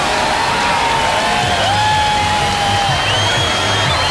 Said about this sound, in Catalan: Els milers de persones que s'han trobat a l'antic aeròdrom de Mangranes a Lleida han emmudit en els últims minuts abans de la totalitat, han començat a aplaudir quan faltaven pocs segons i han esclatat quan la lluna ha engolit el sol.